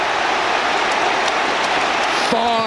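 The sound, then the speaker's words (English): A huge stadium crowd at Arsenal's home match against Burnley in the English Premier League roars and cheers the winning goal of a 1-0 win, a dense, steady wall of noise that stays loud throughout, with a brief rising tone cutting through near the end. “That's the noise they wanted to hear.”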